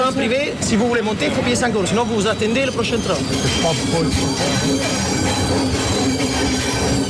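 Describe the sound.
A train rumbles steadily and loudly along the rails on a short journey along the Mediterranean coast to Marseille, with high metallic squeals from the wheels rising and falling over the continuous clatter, and indistinct voices murmuring underneath.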